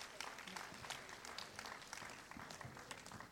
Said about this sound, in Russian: А теперь сам, вот он материализовывается под бурные аплодисменты.